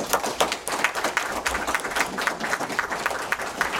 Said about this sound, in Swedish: Tack för era svar, en applåd.